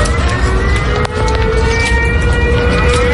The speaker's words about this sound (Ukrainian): І саме в цей момент знову лунає сигнал повітряної тривоги.